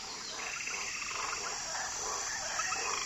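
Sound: frogs croaking in rainforest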